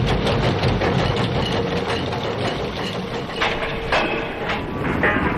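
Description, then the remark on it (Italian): A ship's engine runs at half power, a steady, dense low rumble with a mechanical hum and faint clanks on top, holding an even loudness throughout with no voices. “Macchina, mezza forza!”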